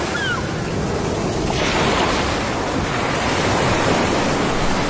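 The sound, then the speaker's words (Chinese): Rough sea surf roars steadily with gusting wind, a dense, continuous wash of noise that swells slightly louder after the first second and a half. No one speaks. “1600多年前，在汹涌的风浪中，一片悠悠帆影向着崂山而来。”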